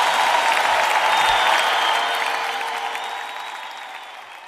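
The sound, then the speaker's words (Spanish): Steady applause from a crowd for an orchestra, a dense wash of clapping that holds loud and then gradually fades over a few seconds, with no voices heard. “Denle un fuerte aplauso también a esta magistral orquesta.”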